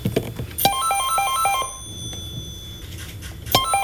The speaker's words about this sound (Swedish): Så här lät det när Elisas verkställande direktör Topi Manner ringde upp Trafiksäkerhetsverket Trafikoms generaldirektör Jarkko Saarimäki.